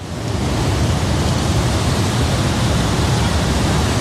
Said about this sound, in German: Und zu dem Wasserfall von der Ängstlichen steigen wir jetzt runter.